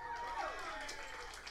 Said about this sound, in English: Got engaged to my girlfriend. Thanks for the half-ass applause. That's how I feel about it, too.